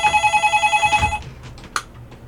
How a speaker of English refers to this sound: The phones are ringing off the hooks today. The phones are ringing.